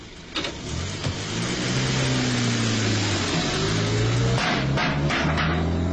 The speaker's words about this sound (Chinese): 美国顾问就这样带着满身的油污钻进汽车逃走了。